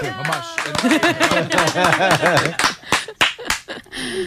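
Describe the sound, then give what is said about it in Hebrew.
A burst of audience applause as guests are introduced on a show, mixed with loud, high-pitched cheering and whooping voices, then several sharp, scattered claps toward the end. “לנו לא מוכרים כפיים, זה עצור.”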